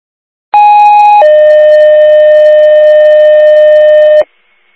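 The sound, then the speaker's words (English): Fire dispatch paging tones, the second tones for Remsen for an investigation of an outlet sparking in a residence on Barnhart Road, Russia: a loud, steady two-part tone, a higher pitch for about a second then dropping to a lower sustained pitch for three seconds, with nothing else audible. “Remsen, second tones for the investigation, 129 Barnhart Road, Russia, for outlet sparking in the residence.”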